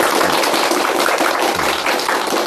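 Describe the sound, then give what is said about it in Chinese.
An audience of students claps steadily for a couple of seconds to welcome Professor Yao Xishuang of the Communication University of China at a classical poetry recitation lesson. It is a dense, even crackle of many hands with no voices over it, holding at a fairly loud level throughout. “今天呢，我们特别高兴啊，为大家邀请到了国家语委咨询委员、中国传媒大学的姚喜双教授，我们掌声欢迎。”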